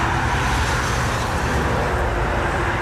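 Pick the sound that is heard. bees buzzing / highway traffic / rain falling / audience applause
highway traffic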